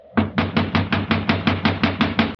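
Rapid, steady knocking on a locked door to wake a man inside, about a dozen firm, evenly spaced raps in quick succession, loud with a hollow thud, and no voices.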